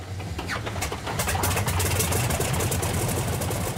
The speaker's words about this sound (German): 600 PS hat der Sternmotor, 21 Liter Hubraum. Sie ist robust gebaut, die alte Maschine, und hebt mühelos auch vom weichen Acker ab, wie früher.